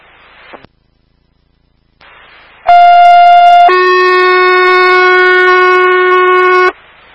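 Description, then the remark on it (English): Radio static breaks off, then a fire dispatch alarm tone plays, alerting Station 9 and Action EMS to a medical call: a loud, steady high tone for about a second, followed by a lower, buzzier tone held for three seconds before static returns. “Fire alarm.”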